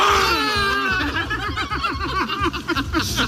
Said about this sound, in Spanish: Sí, estos eran los gritos de euforia del candidato Ulrich Siegmund y la cúpula nacional, Weidel y Krupala.